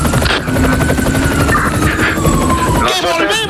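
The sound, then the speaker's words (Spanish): A descending helicopter of an aerial mobile unit, its loud, steady rotor thrum with a rhythmic low chop and whining engine tones, joined by faint talking near the end. “Volvemos a la unidad móvil aérea que está descendiendo”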